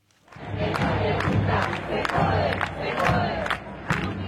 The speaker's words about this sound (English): Demonstrators in Argentina's capital, Buenos Aires, this week. Tens of thousands of Argentinians took to the streets to protest against budget cuts to universities.